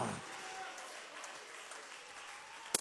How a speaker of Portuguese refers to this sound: Então as palmas para Jesus e o glória a Deus não pode parar.